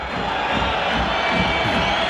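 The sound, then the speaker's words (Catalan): A stadium crowd at an Espanyol versus Sevilla football match whistling in disapproval as goalkeeper Dimitrovic takes his time reaching the ball, a dense, steady roar of many voices with thin, high whistle tones threaded through it, holding at an even loudness throughout. “Aquests xiulets que sentiu és perquè Dimitrovic s'ho pren amb calma per arribar a aquesta pilota que havia quedat al mig del camp.”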